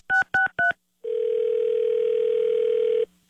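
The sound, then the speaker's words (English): Three quick telephone keypad beeps, then a steady two-second electronic tone of a phone line ringing on the other end as a prank call is placed, clear, with no voices. “Don't answer the phone. It's another K-Win Carmen prank call.”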